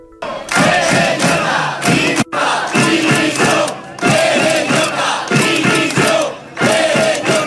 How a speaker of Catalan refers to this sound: Ahir de vesprada, al Palau de la Música, el president Pérez Llorca el van rebre entre crits de dimissió.